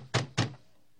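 Guards knock on a door twice, firmly and in quick succession, fairly loud, followed by silence. No one speaks.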